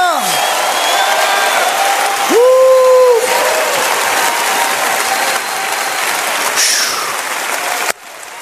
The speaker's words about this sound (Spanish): Póngase de pie, todo el mundo. Póngase de pie y empieza a gritar. Empieza a aplaudir. Empieza a glorificar. ¡Aleluya!